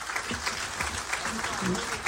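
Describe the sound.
A steady wash of clapping from a small group fills the moment, dense and continuous at moderate volume, with a few voices murmuring underneath.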